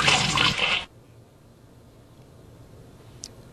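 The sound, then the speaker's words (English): A loud, brief toilet flush: a sudden rush of water lasting under a second, cut off abruptly and followed by near silence with one faint tick. “You don't sit there and look at it. You flush it and move on.”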